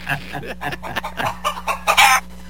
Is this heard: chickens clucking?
yes